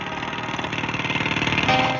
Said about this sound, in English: I didn't have to get the mic so close to said jackhammer, but nonetheless.